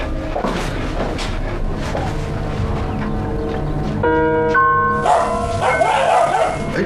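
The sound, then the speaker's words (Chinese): A newly acquired dog barks repeatedly in short, fairly loud bursts, with a bright ringing, bell-like tone sounding alongside the later barks. “哎，好，这是刚弄过来狗血，有点带听话。你们先坐啊，我老实点，再叫我给你炖了。”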